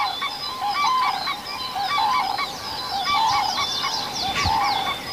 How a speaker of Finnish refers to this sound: Nyt on aurinko noussut ja hyvin tämmöisenä keltaisena hohtaa tää ruovikko aamuauringossa. Ja noi koivut, no niin, kurjet huutaa.